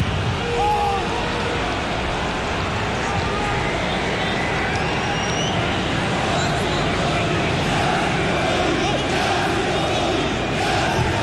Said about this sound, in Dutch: Luister naar het publiek.